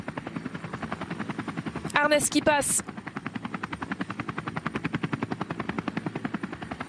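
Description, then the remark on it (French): A helicopter's rotor thumps in a fast, steady chop throughout, loud, as it films a cycling race from above, while a man briefly speaks over the noise. “Allez, on revoit, vue d'hélicoptère, l'écart.”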